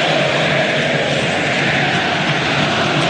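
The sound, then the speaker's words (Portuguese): A large stadium crowd at Allianz Parque chants the name of player Flaco Lopes as he leaves the field, the voices merging into a loud, steady roar that holds at the same level for the whole few seconds, with no single voice standing out. “É Flaco Lopes, o grito da torcida aqui no Allianz Parque, na saída do jogador.”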